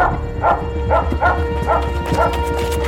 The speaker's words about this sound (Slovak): Drž, Skuller. Drž. A má vás. Okamžite chyť toho psa, hlupák.